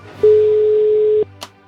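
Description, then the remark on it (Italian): The fourth ring of an outgoing phone call: a single steady telephone ringback tone, a pure mid-pitched beep lasting about a second, rings out clearly over a faint hum, followed by a brief click. No one speaks. “Quarto squillo.”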